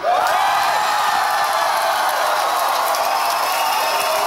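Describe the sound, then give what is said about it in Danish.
An archive recording of a large crowd of Venstre party supporters on Danish election night cheering and clapping at Lars Løkke Rasmussen's speech, a dense, loud roar of applause and excited voices that holds steady throughout, with no single speaker standing out. “Og jeg vil sige, jeg har klippet det lidt sammen, fordi de var virkelig glade. Der blev klappet og hovedet.”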